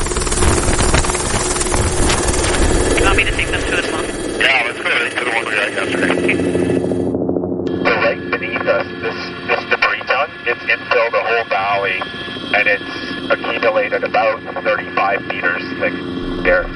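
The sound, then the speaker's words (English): A helicopter in flight on an aerial tour of nearby permafrost thaw slumps, its loud rotor and engine noise forming a steady, dense roar with a droning hum that persists throughout, shifting in tone partway through. “So we got in a chopper for a bird's eye view.”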